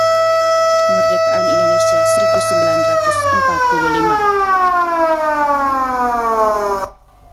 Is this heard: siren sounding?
yes